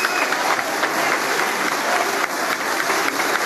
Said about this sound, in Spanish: Pese a ello, los aplausos continúan para la presidenta Keiko Fujimori, quien se presta a dar el mensaje al Congreso de la República. Y saludando, aplaudiendo a la mandataria.